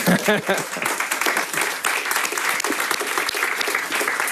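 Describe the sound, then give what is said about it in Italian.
An audience breaks into sustained applause, a dense, steady crackle of many hands clapping at full volume for several seconds, with a brief voice audible at the very start. “E a questo punto scatta l'applauso.”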